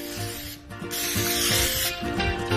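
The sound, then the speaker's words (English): Rough rubbing sounds in several scratchy strokes as a dry rub is worked firmly by hand into ribs, with faint steady music underneath and no talking. “I'm gonna flip these over. We're gonna do another spray.”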